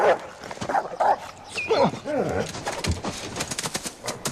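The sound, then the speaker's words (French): Several dogs bark and yip in quick, overlapping bursts, with some whining mixed in and a voice briefly heard amid the commotion. “Tue ces maudits chiens, nom de Dieu!”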